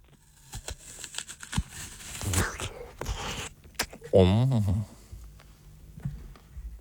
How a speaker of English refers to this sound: I'm going to bite the first apple, okay? All right, here we go. Going to get nice and close to his mic so we can all hear it.